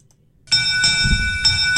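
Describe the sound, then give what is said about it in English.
A loud bell, the derby bell announcing a fishing derby report on Martha's Vineyard, rings, starting abruptly and sustaining a bright metallic tone, with fresh strikes roughly every half second. No voices accompany it. “That's the Derby Bell and means it's time for MVY Radio's Derby Report”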